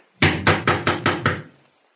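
Six firm knocks on the wooden door of a house, from its porch, in a quick, even rhythm, loud, with a short resonant tail after the last one and nothing else audible.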